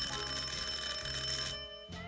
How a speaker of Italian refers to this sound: Sono le 10:15 e di colpo suona il campanello della porta. Un suono lungo e deciso.